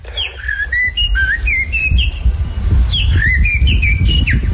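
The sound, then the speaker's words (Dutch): A person whistles an imitation of blackbird song, the winning whistle in a competition, fluting phrases in two bursts with brief gaps, fairly loud over a rumbling, noisy background. “Je hebt gewonnen met een merelgeluid.”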